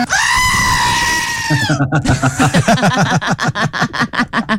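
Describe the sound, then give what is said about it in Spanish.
A loud, drawn-out goat bleat with a harsh, scream-like quality lasts over a second, then breaks into a run of quick, choppy vocal bursts that sound like laughter or excited chatter. “Venga, qué chiva, huevón.”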